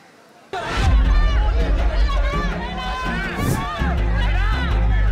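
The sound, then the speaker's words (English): Hundreds of supporters cheering and shouting outside a police station as Udayanidhi emerges after police questioning, a dense, loud roar of many overlapping voices that bursts in suddenly after a brief quiet start and keeps going without a break. “He emerged to a cheering crowd.”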